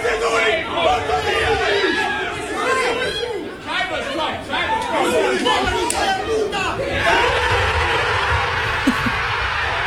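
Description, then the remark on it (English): A group of Arsenal football players, watching together, cheer and shout at the final whistle of the Man City versus Bournemouth match ending 1-1, a dense, continuous burst of excited overlapping voices, loud, swelling again near the end. “The final whistle goes.”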